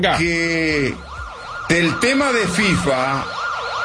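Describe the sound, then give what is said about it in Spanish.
A loud siren sound effect rapidly rises and falls in a quick, repeating yelp pattern throughout, with a brief layered wail and a possible voice mixed underneath near the start. “Que si puede poner sirena, señor Gabo, Dios, señor Forni, será espectacular.”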